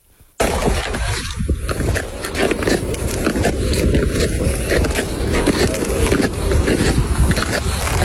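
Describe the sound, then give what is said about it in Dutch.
Ice skates scraping and gliding over natural ice, a steady gritty hiss with repeated stroke-like rasps, continuous and fairly loud for about eight seconds, with no talking. “Ja, dit is natuurijs, denk ik.”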